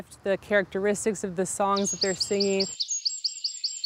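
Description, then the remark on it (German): A native songbird sings a rapid, repeated series of high, bright chirps, starting while someone is still speaking and then continuing clearly on its own at moderate loudness. “Sie singen dann einfach früher oder später am Tag oder verändern Charakteristik oder Lautstärke ihrer Gesänge.”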